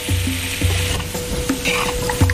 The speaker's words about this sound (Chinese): 选取一年生土鸡，切块后下锅翻炒